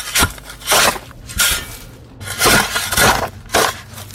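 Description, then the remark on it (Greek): A shovel digging into soil and throwing it in, about six gritty scraping crunches at an uneven pace, each a short, harsh burst of noise with brief pauses between, with no voices. “Εμένα πάντως μου ακούγεται σαν φτιάρι που σκάβει. Αυτό ακριβώς είναι.”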